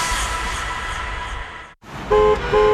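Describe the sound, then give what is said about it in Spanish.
Steady street traffic rumbles, breaks off for a moment, then two loud, sustained car horn honks blare one right after the other. “Si estás parado en el tráfico y otra vez te tocó el semáforo en rojo, este mensaje es para ti.”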